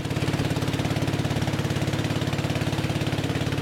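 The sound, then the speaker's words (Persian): A small boat motor runs steadily on a river in Thailand, the boat carrying a Buddhist monk and dogs to riverside villages; its rapid, even chugging is loud and unbroken throughout, with no voices. “سگ‌هایی که به همراه راهب بودایی سوار بر قایقی کوچک برای جمع‌آوری نظرات راهی روستاهای کنار رودخانه می‌شوند.”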